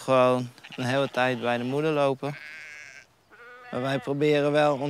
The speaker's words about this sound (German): Wir haben 30 Schafe. Normalerweise bekommen sie im April 2 Lämmer und die bleiben dann eine ganze Weile bei ihren Müttern.